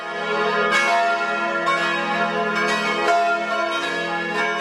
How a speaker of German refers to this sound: Kirchenglocken. Die werden wahrscheinlich auch recht häufig läuten heute an dem herrlichen 2. Mai.